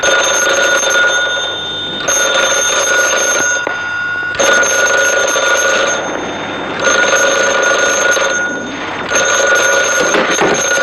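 A telephone rings loudly and persistently, its bright electric bell sounding in repeated bursts of about two seconds separated by short gaps, with no one speaking.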